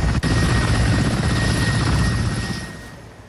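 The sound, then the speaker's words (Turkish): A helicopter carrying people injured in an accident to hospital: its rotor beats loudly and steadily, a rapid low thudding over a broad engine roar, easing off slightly toward the end. No voices are heard. “Yaralılar helikopterle, ambulanslarla hastaneye kaldırıldı.”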